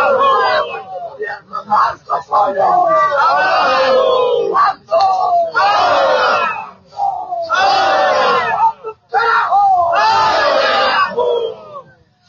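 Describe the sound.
A large crowd of people from Villa Esteban Arce, Bolivia, cheers, applauds and shouts in loud, sustained waves, voices rising together in rhythmic chant-like bursts with brief dips between them as they welcome the March for Life on its second day heading toward the seat of government.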